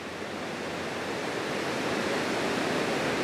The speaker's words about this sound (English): The river so close and the current still strong. The waters were rising this morning but have slowly declined